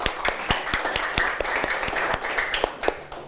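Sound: students clapping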